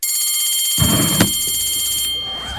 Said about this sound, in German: Wir haben schon wieder überzogen. Ey, die Klingel gibt mir so Gänsehaut, die hat sich auch da.